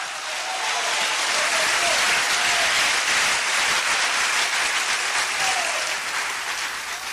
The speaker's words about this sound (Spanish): Un aplauso fuerte. ¡Aleluya!